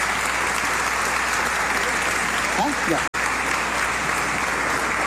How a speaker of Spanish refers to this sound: Aplausos, aplausos para nuestros niños.